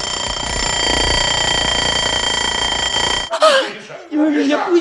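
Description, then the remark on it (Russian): An alarm clock, set by a person, rings loudly and continuously for about three seconds, then cuts off abruptly and a person starts talking. “Это я завел будильник, и я есть хочу.”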